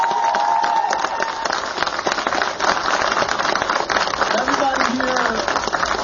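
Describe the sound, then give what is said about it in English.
Loud, sustained applause from a large audience, given as a huge round of applause for Jewish congressmen after chants of 'Money out of politics' and 'Medicare for all', dense clapping mixed with cheers and a few whoops rising above the crowd, steady from start to finish. “Well, can we first give a huge round of applause to our Jewish congressmen?”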